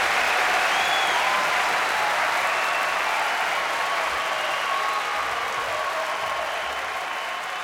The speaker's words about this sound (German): So ein bisschen Applaus oder Live-Kulisse nutze ich als Übergang für, was ich schon angekündigt habe, zum Eutiner Blues Festival.